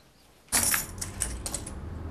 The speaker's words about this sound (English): At the station, Alf's at his desk, counting through loose change.